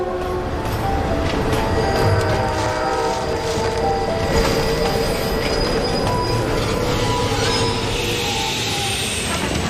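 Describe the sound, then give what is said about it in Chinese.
A train climbs a mountain railway between Tiekou and Xinliang stations, winding over three Z-shaped switchback slopes on a route of about 9,000 metres with a 100-metre vertical drop. It rolls steadily and loudly, its heavy rumble laced with high metallic wheel squeals and faint rhythmic clatter. No one speaks. “从铁口站到新梁站垂直落差100米，火车盘山行驶要经过3个 Z 字形缓坡，路程大约9000米，而这两站之间的直线距离也就1000多米。”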